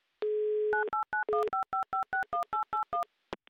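A steady dial tone gives way to a quick run of about eleven short, evenly spaced two-pitch DTMF touch-tone beeps as a phone number is keyed in, loud, with no talking.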